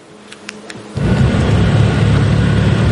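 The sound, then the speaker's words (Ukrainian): An evacuation car's engine rumbles, starting with a few faint clicks before a sudden steady, loud low roar as it pulls up to a house in a frontline village in Ukraine's Kherson region, where police are evacuating residents. “Евакуаційний автомобіль під'їжджає до будинку.”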